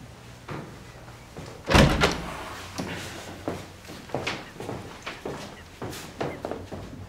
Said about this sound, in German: Okay, für die Zukunft. Wenn ich die Tür zumache, dann ist das keine Aufforderung zum Horchen.